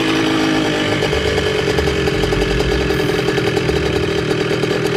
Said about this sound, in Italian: Un motorino di grossa cilindrata percorre impennando un viale alberato che conduce a una sinistra villa diroccata.